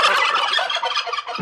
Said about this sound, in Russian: Индейка.